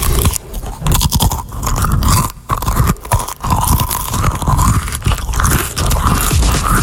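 Loud munching of crunchy Cheez-It crackers by a radio show producer, with steady crisp bites and chewing crunches repeating throughout, no talking.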